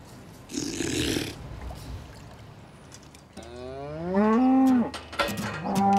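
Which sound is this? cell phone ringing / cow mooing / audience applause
cow mooing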